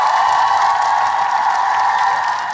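A loud, dense roar of a crowd cheering and clapping, steady and sustained for a couple of seconds with no one speaking over it, a sound effect played on 4BC radio to celebrate a contest winner.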